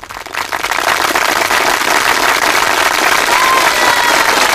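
Sustained applause from the audience present at a show, a dense steady wash of many hands clapping that rises quickly and holds at a loud, even level throughout, with faint crowd noise mixed in.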